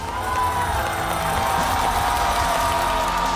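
An audience at a Chinese-style (guofeng) music concert applauds steadily for a few seconds to welcome the head of a guofeng music society. It is a dense, loud wash of clapping with a faint murmur of cheering mixed in, and no one speaks over it.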